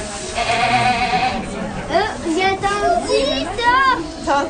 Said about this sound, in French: Je suis venue voir les chèvres. J'aime les chèvres parce qu'ils sont vraiment trop mignons.